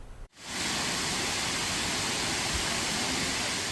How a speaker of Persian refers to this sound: آبها جاری‌اند و صدای خروشان رودخانه ها برای مردم افغانستان نشانی از سال نیکو و پرحاصل است.